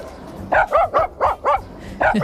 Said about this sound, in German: Wir schnappen uns Waldis Bellen und zaubern daraus einen echten HR4-Hit. Hören Sie mal, erkennen Sie, welchen Song Waldi da bellt?